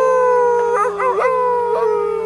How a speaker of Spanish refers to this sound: Lobeznos. Los lobos son perros salvajes, pero son muy tímidos.